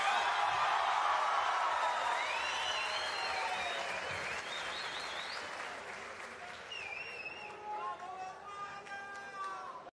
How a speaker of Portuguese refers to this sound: ¡Más fuerte el aplauso!